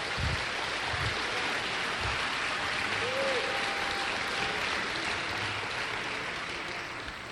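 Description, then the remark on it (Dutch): Sustained applause from a large audience, given to the Lord, a dense, steady wash of clapping that holds at an even loudness throughout, with faint low voices and a brief whistle-like tone underneath. “Kom maar, als u de Heer een applaus aan het geven.”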